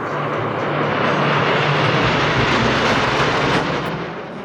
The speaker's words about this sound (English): In tonight's big picture, the Snowbirds have flown over the capital region for the final time before the Jets are retired.